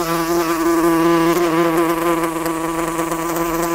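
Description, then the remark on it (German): A wasp buzzes at an open studio window in Nuremberg with a steady, droning hum that wavers slightly in pitch as it hovers, continuous throughout with no voices. “Genau, die Wespen.”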